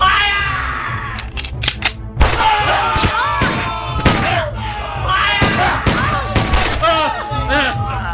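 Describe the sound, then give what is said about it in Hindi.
Scattered gunshots from British army soldiers firing on revolutionaries crack out as sharp, loud bangs, several in quick succession and then more spaced apart, over steady shouting voices and a busy, chaotic background. “सेना ने बंदूकों से क्रांतिकारियों पर आक्रमण कर दिया।”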